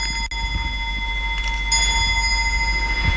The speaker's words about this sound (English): You want to tell me about the clock now? Yes, the clock is about 200 years old.